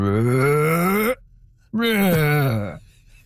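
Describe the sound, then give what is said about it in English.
A person's voice imitates a humpback whale call with two long, moaning groans, the first sliding slowly upward in pitch, the second bending up and then falling away after a short pause. “I'm not sure I can do it justice to the full humpback whale voice, but it's something like.”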